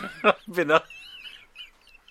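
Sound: chickens clucking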